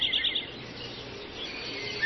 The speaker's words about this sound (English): It's still light out here in Harbor Country. You can hear the night birds. The faraway trains.